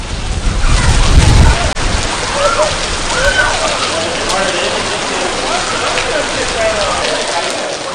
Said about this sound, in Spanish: La llegada del tifón representa la intensificación de los vientos y las precipitaciones en medio de una temporada activa de tifones para Japón, donde Tokio y las zonas costeras se ven más expuestas a esas afectaciones.